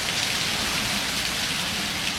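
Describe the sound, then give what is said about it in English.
Steady rain falling, played from a YouTube recording, a dense, even hiss with soft pattering drops, continuous for the whole stretch, with no voices. “That's what rain sounds like if you were forgetting.”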